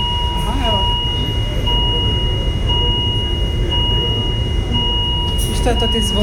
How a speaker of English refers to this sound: When Yasmina first described it, the highest level alarm, I imagined chaos.